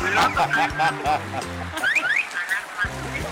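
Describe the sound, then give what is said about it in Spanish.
A human voice imitates a motorcycle security alarm, producing loud warbling tones and quick rising whoops that repeat in an uneven pattern for a few seconds. “A ver, hazle como le hace la moto, ¿no?”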